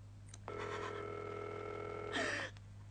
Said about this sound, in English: We are ringing Ordway 3787 for you, caller.